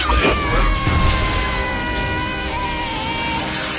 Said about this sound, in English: With a sweeping wand motion, Bellatrix implodes the Great Hall's towering windows.